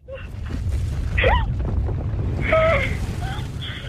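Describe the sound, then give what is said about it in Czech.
A loud, continuous volcanic eruption rumble, a deep roar that swells twice over a few seconds, with faint higher whistling or voice-like tones drifting above it. “A máte tam sopku? Sopku máme.”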